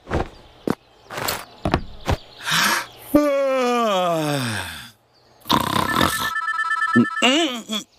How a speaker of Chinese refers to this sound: 谁呀、啊？这时候还打电话，烦人。